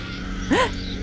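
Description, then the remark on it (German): A woman's shrill scream, a single short cry that rises and then falls in pitch, standing out briefly over a steady low background hiss with no talking. “Es war ein lauter, greller Schrei einer Frau.”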